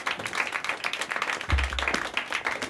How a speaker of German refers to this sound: Jetzt einen fetten Applaus für meine Nachfolgerin, Alice. Woo!